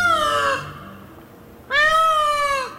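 Two loud, wailing peacock calls separated by a short pause, each a rich, harmonic, slightly falling cry, the second longer and stronger than the first.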